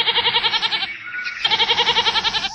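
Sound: goat bleating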